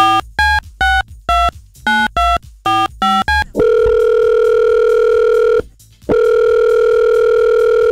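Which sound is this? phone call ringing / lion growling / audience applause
phone call ringing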